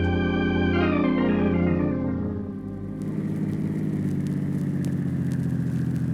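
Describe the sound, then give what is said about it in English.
A large bus engine stalls as the bus stops on railroad tracks of the main line from Chicago to California; it loudly winds down, its droning pitch sinking over a few seconds, then settles into a steady low, sputtering rumble. No voices. “Why in the world did the bus stop on the tracks? I don't know, but that's the main line from Chicago to California.”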